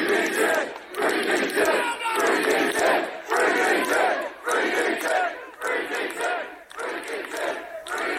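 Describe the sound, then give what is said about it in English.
Hundreds of supporters gathered outside a police station in Basingstoke chant loudly in unison, voices rising in repeated rhythmic bursts roughly once a second, with brief dips between the shouted phrases. “Hundreds of his supporters gathered outside a police station in Basingstoke, where they believed he'd been detained.”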